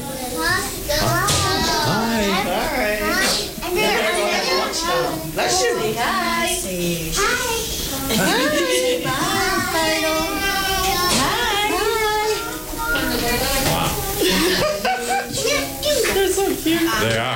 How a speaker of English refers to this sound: Oh, here we go. Yeah, here goes the kiddos.